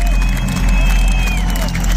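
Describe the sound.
A big concert crowd at the Olympiastadion in Munich on Friday evening, 7 June 2023, murmurs and buzzes with anticipation before the show, a dense wash of voices, scattered whistles and a few claps rising from a large open space.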